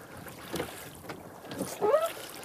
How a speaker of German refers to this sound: kommt mit seinem Boot kaum durchs Wasser. Bei jedem Ruderschlag verfängt es sich im dichten Kraut. Seit der Wasserstand im Langen See in Weißdien gesunken ist, erreicht mehr Sonnenlicht den Grund. Und das Kraut wächst.